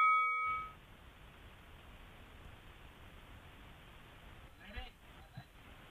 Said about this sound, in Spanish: Cuando suena la campana, ambos tienen la posibilidad de intervenir sin que les demos paso.